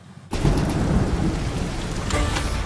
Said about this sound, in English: The next day it started to rain again, and this time it didn't really stop for the next 6 weeks.